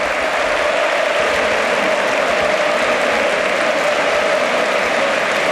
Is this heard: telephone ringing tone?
no